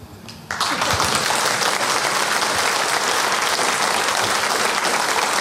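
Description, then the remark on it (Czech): Sustained audience applause swells in after a brief quieter moment, a dense, steady wash of many hands clapping at full loudness for several seconds with no voices over it. “Tohle je určitě potlesk i pro něj”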